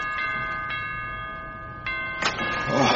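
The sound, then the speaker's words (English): A doorbell at a front door rings steadily with a bright, sustained metallic tone, its strikes repeating every half second or so. Near the end, a rustling noise and a brief burst of sound rise over the ringing. “Stop that noise. Bloody doorbell.”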